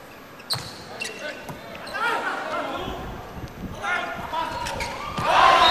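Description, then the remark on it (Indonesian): A hard, fast volleyball spike, a power placing shot in a volleyball match, cracks out near the start, followed by a few lighter ball thuds, all over loud crowd noise and cheering that swells toward the end. “sekali tadi pukulan dari Haikal Hidayatullah”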